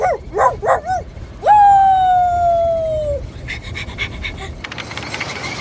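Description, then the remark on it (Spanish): A person imitates an excited dog with three quick, loud, breathy pants, followed by a long drawn-out high vocal tone and then some scattered noise. “¡Eres como un perro loco!”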